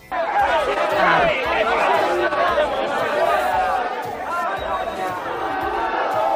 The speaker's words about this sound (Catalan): Podem escoltar el tall dels crits contra Vox?